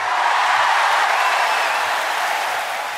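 Thunderous applause from a jazz festival crowd, a dense, steady roar of clapping that holds strong throughout and eases slightly near the end, with no voices heard.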